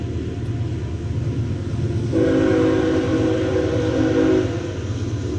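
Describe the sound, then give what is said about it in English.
A train horn sounds for a couple of seconds outside NBT Bank Stadium during a baseball game, a steady harmonic blast over a continuous low rumble of passing rail traffic, with no one talking. “Planes and trains and some automobiles outside here at NBT Bank Stadium.”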